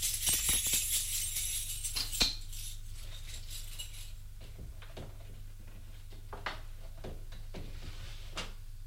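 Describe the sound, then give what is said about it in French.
A man opens another drawer, its contents rattling with a bright metallic jingle, followed by scattered knocks and clicks over a steady low hum. “Ouvre un autre tiroir.”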